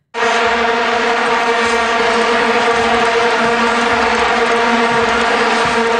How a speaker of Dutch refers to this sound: Dat waren die vuvuzela's, die plastic toeters die wereldwijd bekend geraakt zijn toen door het WK daar.